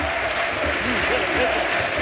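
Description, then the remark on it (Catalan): A large stadium crowd in the stands at a CE Sabadell football match applauds steadily while voices rise and fall in a loud collective chant for the player Miguelete as he is substituted. The whole mass of sound is dense and continuous, filling the space without pause. “Crits de Miguelete, a la grada.”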